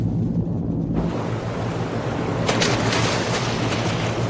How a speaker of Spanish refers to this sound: ¡A toda velocidad! ¡Torpedo en el agua! ¡Atentos! ¡El torpedo está activo! ¡El torpedo nos encontró!